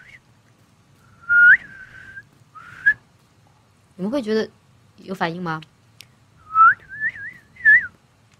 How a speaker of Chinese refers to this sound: 我是会吹口哨，但是我不会吹那个，我不会吹那个有带曲调的口哨，我只会吹。